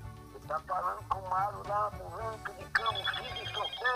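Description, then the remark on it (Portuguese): A telephone rings with a warbling electronic tone as a call comes in to a radio call-in program, repeating in quick bursts over a low rhythmic backing, loud for the whole stretch. “É telefone chegando de todo canto da mar. É telefone que vem de todo lugar, é verdade.”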